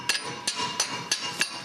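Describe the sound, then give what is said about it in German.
Five sharp metallic hammer knocks on a stuck bolt, struck at an uneven, unhurried pace, each a bright ringing clank standing out clearly with no talking. “Klopft mal da drüben, ob der sich ein bisschen löst, der Bolzen.”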